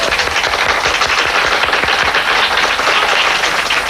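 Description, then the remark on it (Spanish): Loud, dense applause from a sizable audience welcoming Cuban actor Ildefonso Tamayo, a steady wash of many hands clapping at once with sharp individual claps popping through, sustained without pause and with no voices. “Ildefonso Tamayo, un fuerte aplauso.”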